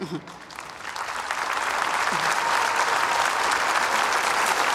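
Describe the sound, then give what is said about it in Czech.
An audience at Velehrad bursts into applause for the doctors' choir and Olomouc Archbishop Josef Nuzík, the clapping swelling over the first second into a dense, steady roar of many hands that holds loud to the end, with a brief voice audible at the start. “A váš potlesk si samozřejmě a nepochybně zaslouží taky olomoucký arcibiskup Josef Nuzík.”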